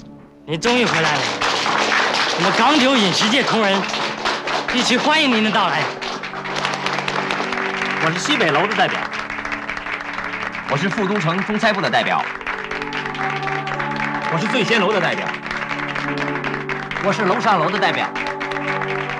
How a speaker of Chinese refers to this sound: 真的好羡慕！虽然我在商场上很成功，但我从来没有想过有这么多同类为我鼓掌，真向我致敬。